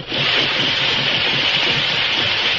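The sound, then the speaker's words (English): A steam engine at the entrance to a tunnel in a valley, used to haul loads of ore out of the tunnel, runs with a steady, loud hiss and a low churning rumble underneath, holding constant for the few seconds with no voices. “they saw live steam coming from the entrance to a tunnel in the valley”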